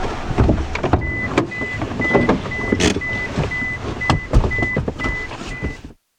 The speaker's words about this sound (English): Here we have the car.